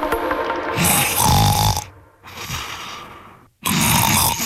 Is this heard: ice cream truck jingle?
no